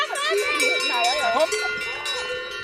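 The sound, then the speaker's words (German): A dense, continuous clanging of many cowbells as pregnant cows, due to calve soon, are driven out through an opened fence to walk home along the road, ringing steady throughout, with people's voices calling and talking underneath. “Jetzt kommen die Kühe mit dicken Eutern raus, also die Galten. Die haben den Zaun aufgemacht.”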